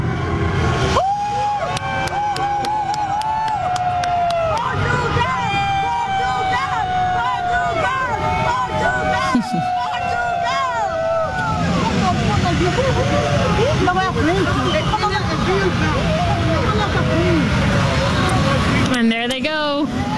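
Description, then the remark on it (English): A large outdoor crowd of fans cheers and shouts continuously as the Team Portugal bus leaves the city of Toronto after their FIFA win, with scattered whistles and horn toots rising over the din and a low vehicle rumble underneath, loud and steady throughout. “I might just pause for a second here and let you just take in this atmosphere as the fans, all the phones are out too, Beatrice, taking in this moment, Team Portugal leaving the city of Toronto following their FIFA win yesterday.”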